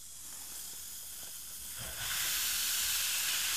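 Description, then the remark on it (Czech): Effervescent drink powder, one full tablespoon, fizzing in about 2 decilitres of water in a glass: a steady, bright, crackling hiss that swells noticeably louder about halfway through and stays strong to the end, with no talking. “Necháme místo na šumění. Tak, a kolik se dává našeho prášku?”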